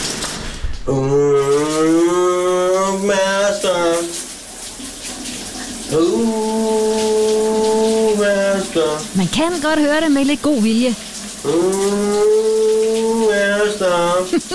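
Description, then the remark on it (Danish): A man hums a popular Danish song from the 1980s in long, sustained notes over the steady hiss of running shower water, several phrases separated by short pauses, with a brief bit of talk. “Men det er en interessant nynnestil. Han har i bruseren i dag, min gode kollega.”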